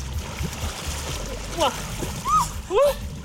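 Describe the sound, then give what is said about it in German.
Three dogs splash steadily through the Nahe river near Bad Kreuznach in a continuous churning wash, while a few short, rising-and-falling whines or yelps cut through near the end. “gemeinsam gehen die zusammen bei Bad Kreuznach an die Nahe in den Fluss.”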